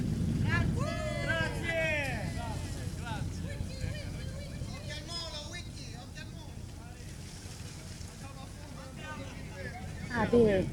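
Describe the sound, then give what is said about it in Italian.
Outdoor waterfront ambience of a parade of vintage sailboats out on the water, with steady wind buffeting the microphone and lively voices and calls scattered throughout, rising briefly louder near the end. “e c'è questa parata delle vele d'epoca in questo momento.”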